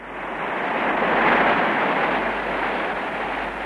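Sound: waterfall roaring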